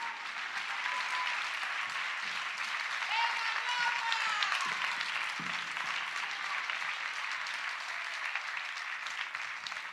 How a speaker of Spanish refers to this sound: Un forte aplauso, que o teñe moi complicado nesta tarde.